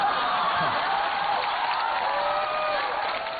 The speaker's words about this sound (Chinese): 掌声非常的热烈啊。